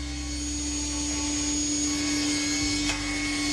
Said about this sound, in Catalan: La Cristina engega la serra industrial. Ha de tallar un tauló a la mida que necessita i donar-li una forma regular.